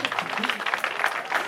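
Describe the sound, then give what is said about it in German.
A crowd claps steadily, a dense patter of many hands blending into continuous applause at moderate volume. “Und das ist Ihr Applaus.”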